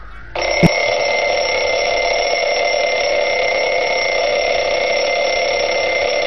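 A wind-up mechanical alarm clock rings loudly and continuously, its metallic bell clattering in a rapid, unbroken trill that starts almost at once and keeps going without a pause.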